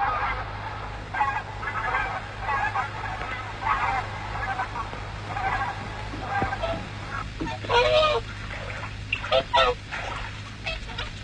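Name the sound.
swans calling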